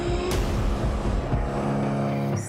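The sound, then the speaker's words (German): A boat's motor drones steadily and loudly, a continuous low rumble with a harmonic whine running through it and no voices, as the boat approaches the Grotta di Nettuno sea cave beneath 200-metre cliffs in northern Sardinia. “Schon die Anfahrt mit dem Boot ist abenteuerlich.”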